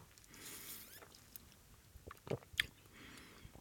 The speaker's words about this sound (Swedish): Ja, och så skär jag in på min grillade kyckling här för den första tugga.